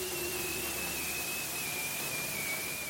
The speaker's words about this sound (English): That strange whistle, like a falling bomb, is the mating call a bearded seal makes in the spring, love bombing his potential mate, if you will.